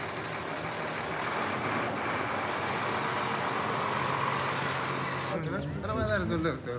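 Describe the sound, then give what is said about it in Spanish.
A truck engine runs steadily, a loud continuous rumble with a noisy hiss on top, from a truck supplying the Kordofan region. Near the end, a voice briefly cuts in over the engine. “Las RSF utilizan drones para atacar los camiones que abastecen Kordofán.”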